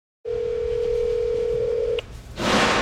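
A steady telephone tone hums for nearly two seconds, then cuts off with a click and gives way to a brief rush of line hiss. No one speaks.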